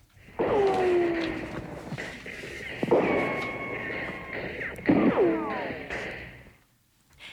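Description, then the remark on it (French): A door slams shut three times in succession, sucked shut by a draught of air rushing down a corridor; each sharp, loud bang is followed by a ringing, wavering tone that slowly fades before the next slam. “La porte se sent aspirée vers le courant d'air, et vlan.”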